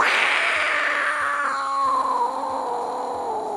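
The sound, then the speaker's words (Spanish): A loud, sustained roar from an angry tiger rises into a harsh snarl, then slides slowly downward in pitch and fades into a drawn-out growl, heard alone. “Este tigre pa' que tenía rabia, ¿no?”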